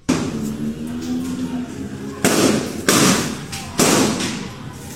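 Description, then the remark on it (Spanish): Three sharp, loud bangs ring out at uneven intervals over a steady background rumble, gunshots fired in an exchange between police and criminals on block 6 of Jirón Sinchi Roca, each blast followed by a short echoing decay. “El caso está relacionado con el hecho ocurrido en la cuadra 6 del Jirón Sinchi Roca, donde se produjo un intercambio de disparos entre policías y delincuentes.”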